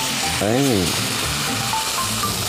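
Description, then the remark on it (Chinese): Loud, steady sizzling hiss as boiling water is poured into a frying pan over medium heat onto salted egg yolk for a soup base, bubbling and crackling for the whole moment, with a brief rising-and-falling tonal sound near the start. “这个时候我们把火调到中火，然后加入开水。”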